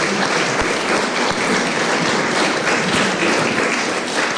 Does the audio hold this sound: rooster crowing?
no